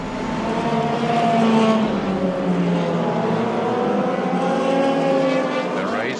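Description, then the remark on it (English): Several racing cars drive an extra formation lap before the race start, their engines droning loudly at a steady, moderate pace with overlapping harmonic tones that slowly rise and fall, and a brief rising whine near the end. “The race has not started. We're doing an extra formation lap.”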